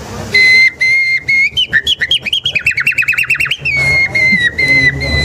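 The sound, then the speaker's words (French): Someone whistles an imitation of a nightingale's song, loud: long piercing held notes, then a quick run of warbling trills and chirps, ending on steady sustained whistles. “Ce que Darwin aussi va découvrir, en fait, c'est qu'avec les temps longs, les organes vocaux des oiseaux vont évoluer jusqu'à l'oiseau le plus évolué, le rossignol.”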